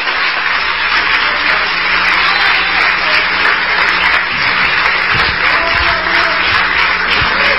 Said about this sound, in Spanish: Un aplauso más fuerte.